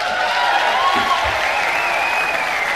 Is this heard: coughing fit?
no